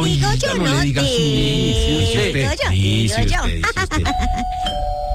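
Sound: doorbell ringing repeatedly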